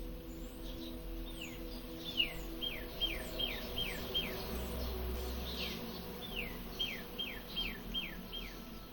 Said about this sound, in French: Et en même temps, j'entends aussi des oiseaux.